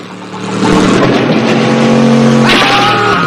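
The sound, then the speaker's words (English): A vehicle's wheels spin in mud, sending mud flying, as Juan drives off back towards Zolo and his men, the engine roaring loudly and steadily after a quick build, its revving pitch jumping higher toward the end. No one speaks. “The wheels send mud flying as Juan heads back towards Zolo and his men.”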